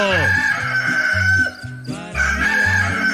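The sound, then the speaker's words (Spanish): A rooster crows loudly in the morning on a Radio 1 broadcast, its long cock-a-doodle-doo calls rising and falling over a rhythmic musical backing, with a brief pause before the crowing resumes. “Ella cantó el gallo.”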